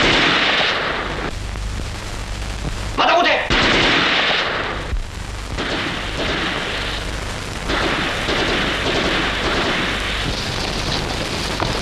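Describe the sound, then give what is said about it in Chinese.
Loud, sustained gunfire crackles in rapid, overlapping bursts for the whole stretch, with a heavier surge around the third second and a voice briefly shouting over the din. “等着出来，再不出来我就开枪了。”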